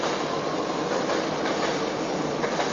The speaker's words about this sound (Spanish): Espera que pase el tren, para que pase el subte este.